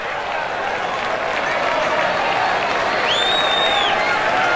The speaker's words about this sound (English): Crowd showing their appreciation for the fight that Cal Fisher's showing in this at-bat.